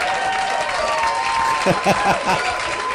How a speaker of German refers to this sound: Hier kommt ein Applaus.